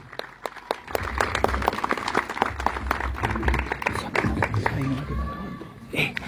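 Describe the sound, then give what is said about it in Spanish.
An evening audience in Tacuarembó applauds steadily for several seconds to welcome the intendente of Tacuarembó, Wilson Ezcarra Martinotti, a dense crackle of many hands clapping over a low rumble, with faint voices mixed in as the clapping carries on. “Fuerte el aplauso para recibir al intendente de Tacuarembó, Wilson Ezcarra Martinotti.”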